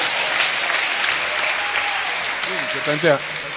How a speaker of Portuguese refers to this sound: Pode aplaudir a ele. Pode dar glória a Deus.